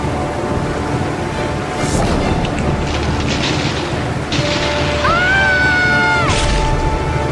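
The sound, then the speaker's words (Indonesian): A loud, steady roar of a sudden rainstorm at sea, striking soon after a ship set sail, fills the whole stretch: deep rumbling and rushing noise, with a rising, wailing howl like gusting wind near the end. “Baru sebentar berlayar, hujan badai tiba-tiba saja datang, membuat seluruh awak kapal menjadi panik.”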